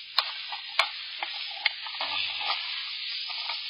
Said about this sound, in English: I must stir the kettle again.